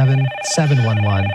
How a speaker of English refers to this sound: Man, I love to hear that phone line. I love to hear that phone call. The phone ringing, I mean. That's fantastic.